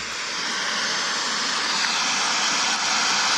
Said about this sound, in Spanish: Eso que se escucha ahí es el desborde del río. Bueno, eso es lo que está ocurriendo entre Santa Juana, Tanagüillín y el Balsedero Laja.